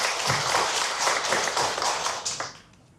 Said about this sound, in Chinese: 张志学老师，玉屏箫笛制作技艺市级非遗传承人，凤来仪箫笛创始人，掌声欢迎张志学老师。